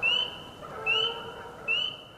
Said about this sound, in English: you hear in the background, there's a peeper about a mile away.